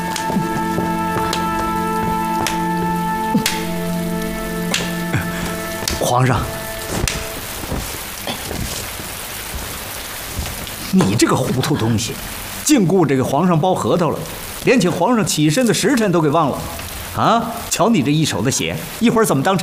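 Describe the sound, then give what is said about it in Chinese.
Steady rain falls outside, hissing continuously. It starts under soft tonal music, then runs alone for several seconds before voices begin talking over the ongoing downpour. “哟，皇上，这外头下雨天的， 要不怎么叫赏雨呢？”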